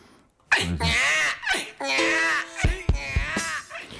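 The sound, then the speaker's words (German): A baby squeals and cries in a run of high-pitched, loud bursts, some wavering and some held on one note, with brief breaths between them. “Also nochmal ein kleines Babygeschrei.”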